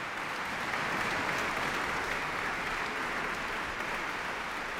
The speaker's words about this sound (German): Erst einmal ist es ganz still in der Sala Teatro in Lugano und dann bricht laut der Applaus los.